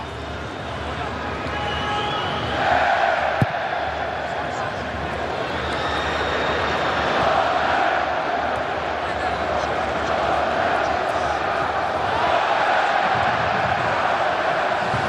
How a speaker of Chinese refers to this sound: 现场多位球迷再度开始了整齐划一的维京战吼。